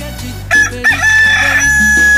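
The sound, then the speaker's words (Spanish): A single loud, drawn-out rooster crow rises sharply and holds its high note for about a second over a steady low background drone. “Qué bonito le canta, tan delicioso y sabroso. Y para que se motive muchísimo más, así le canta a nuestro gallo de gallo.”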